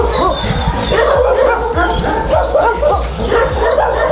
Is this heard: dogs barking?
yes